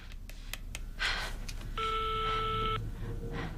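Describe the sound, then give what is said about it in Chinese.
A telephone being dialed to call someone's mother: a handful of quick clicks from keypresses, then a steady electronic tone holding for about a second over a low background rumble. No one speaks. “不行，我得给我妈打电话，让我妈拦着我吧。”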